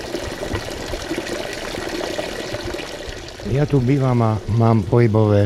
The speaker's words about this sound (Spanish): Sin embargo, al entrar en el Spa Afrodite, lo primero que a mí me llamó la atención fue el manantial curativo, cuya agua tiene un sabor excelente.